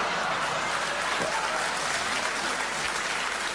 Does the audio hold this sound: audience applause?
yes